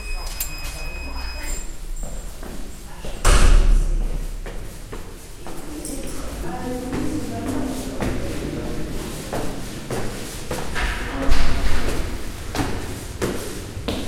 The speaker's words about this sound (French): La porte est ouverte.